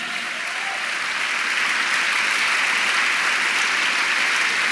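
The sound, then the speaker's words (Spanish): A crowd applauds the Lord steadily during a sermon, a dense wash of many hands clapping at once, holding at a constant loud level for the whole stretch with no voices rising above it. “Vamos, dele un aplauso al Señor.”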